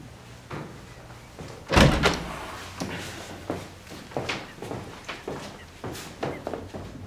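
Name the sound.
door being closed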